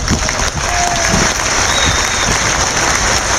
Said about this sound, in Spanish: Un aplauso para Yonan.